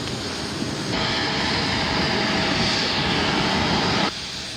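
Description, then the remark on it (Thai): A steady, loud roar of airliner jet engines as a Thai Airways royal aircraft, flight TG8887, departs Toulouse-Blagnac Airport, France; a broad rushing whine that swells up abruptly, holds for about three seconds, then drops back to a lower rumble. No voices. “จากนั้นเสด็จพระราชดำเนินโดยเครื่องบินพระที่นั่งของบริษัทการบินไทยจำกัดมหาชนเที่ยวบินที่ TG8887 ออกจากท่าอากาศยานตูลูสบรันยัก”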